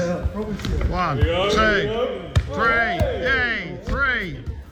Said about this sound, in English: But in the lead up to the World Cup, we asked you a challenge to take part in because we gave you 30 seconds to see how many keepy uppers you can do in 30 seconds. Let's hear from some of the highlights right across the Forces world.